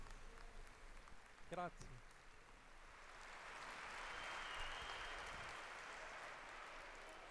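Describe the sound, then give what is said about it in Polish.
A large crowd applauds steadily, the clapping swelling into a broad, sustained roar that holds for several seconds, with a brief voice heard near the start. “Gli applausi più forti devono essere per Gesù Cristo.”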